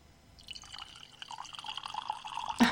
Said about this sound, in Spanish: Ahí va, el chorrito.